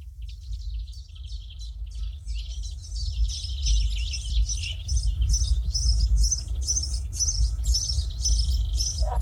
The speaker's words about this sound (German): die Vögel werden wach.